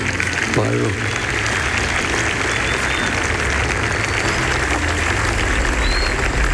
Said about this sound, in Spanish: Saludamos al cuerpo diplomático que se encuentra presente en este acto. Un aplauso, por favor, muchachos.